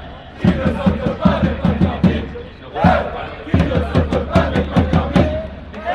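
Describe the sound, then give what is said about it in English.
A loud crowd of KC supporters at an esports LAN event cheers and chants, with rhythmic claps or stomps pulsing steadily through a dense roar of voices, briefly dipping before surging again. “So different being inside the crowd rather than on screen.”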